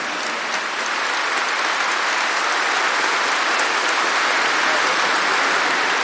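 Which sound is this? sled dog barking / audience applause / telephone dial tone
audience applause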